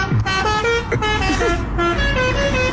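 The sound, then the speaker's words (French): A loud car horn honks continuously, its sustained blaring tones shifting pitch from note to note over a steady rumble of street traffic. “Mais t'es en train de utiliser un avertisseur sonore de manière intempestive ou les klaxons interdits.”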